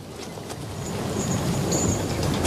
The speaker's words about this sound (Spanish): El viaje fue largo. Mucho más de lo que habríamos imaginado. Primero, a bordo de un renqueante ferrocarril.